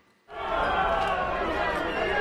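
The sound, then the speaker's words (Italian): A large crowd in Galați, Romania, erupts into a loud, sustained roar of whistling and jeering at the Romanian president Nicuși Ciordan visiting an apartment building hit by a Russian drone, a dense wall of voices that starts abruptly and holds steady throughout. “A Galați, sul Danubio, a pochi chilometri dall'Ucraina in guerra, la folla fischia il presidente rumeno Nicuși Ciordan, in visita al condominio colpito da un drone, tra le polemiche interne sulla capacità del paese di reagire alle minacce dal cielo.”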